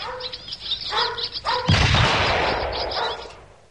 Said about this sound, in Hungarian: Majd távol tartom, és közben lövöldözöm a seregélyeket.